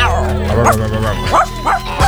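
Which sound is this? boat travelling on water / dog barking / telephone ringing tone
dog barking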